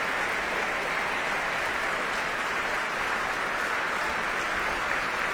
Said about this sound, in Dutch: En zojuist is hij de trap opgelopen. Ja. En daar komt hij nogmaals om dit applaus in ontvangst te nemen.